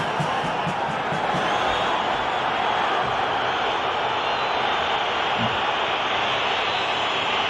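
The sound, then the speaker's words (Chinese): A stadium crowd at a football match boos a penalty decision, a loud, unbroken wash of many voices with no pauses, holding at an even level for the whole stretch. “现场一片嘘声啊，但是这个判罚的决定不可更改了。”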